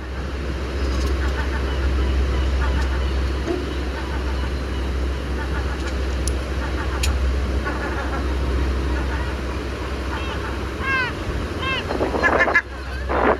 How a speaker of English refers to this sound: The cliff is mainly sandstone and slabs of granite, but at the moment the seagulls are nesting, so the main noise that you can hear throughout the broadcast and throughout the recordings that were broadcast with it is the constant cry of seagulls.